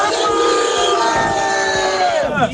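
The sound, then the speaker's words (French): A loud crowd of Brive rugby supporters, headed to a semi-final at Colomiers, chants and cheers together. Many voices sustain drawn-out, wavering notes at full volume before the chant trails off and dips near the end. “Bon, vous entendez, ils sont chauds.”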